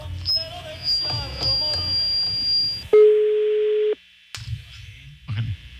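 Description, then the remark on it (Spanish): A single steady ringback tone on an outgoing phone call to a man who sells puppies, lasting about a second, loud and clean, preceded by muffled background noise and a faint high whine, then brief silence before the noise returns; the call goes unanswered. “Mira, te sonó el teléfono del güey de los perritos.”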